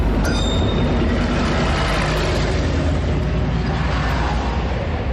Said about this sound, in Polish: A skoro już wiemy, skąd żuławy się wzięły, czas ruszać w drogę. Najlepiej tak, jak robiono to przed laty. Żuławską koleją dojazdową.